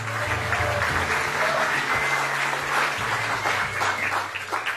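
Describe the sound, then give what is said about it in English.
An audience at an evening bookstore event breaks into steady applause after the host says he owns the bookstore: dense overlapping claps sustained at an even, fairly loud level for several seconds with no one speaking over it. “It's a lot of money, but you get applause when you say you own a bookstore.”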